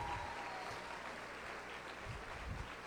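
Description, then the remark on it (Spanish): A crowd claps steadily and loudly for a few seconds, a dense wash of many hands applauding at once with no clear pauses, giving a strong round of applause for a woman who is there with them. “Yo quisiera que le dieran un fuerte aplauso”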